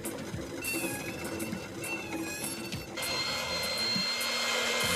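A hair dryer blows with a steady, airy roar and a thin motor whine, its pitch and loudness shifting partway through as the airflow changes.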